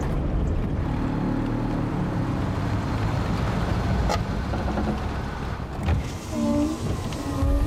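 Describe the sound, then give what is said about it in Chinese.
A loud, rough engine of an old taxi car rumbles steadily late at night, a low chugging drone that sounds like a tractor idling, with a few brief clanks and shifts in tone near the end. “这也能叫车吗？跟拖拉机似的。”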